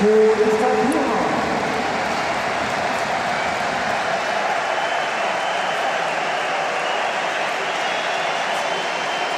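A large stadium crowd at a Borussia Mönchengladbach–Mainz football match applauds and cheers as returning player Ko Itakura comes on as a Gladbach substitute, in a dense, steady wash of clapping and voices that stays loud and even for the whole stretch, with no single voice standing out.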